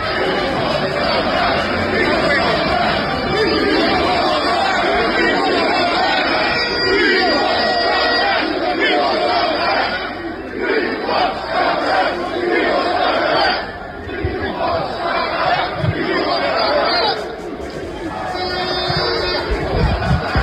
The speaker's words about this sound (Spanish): Esto es parte de lo que gritaba la gente en Londres el fin de semana.